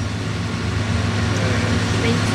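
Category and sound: vehicle, truck engine starting up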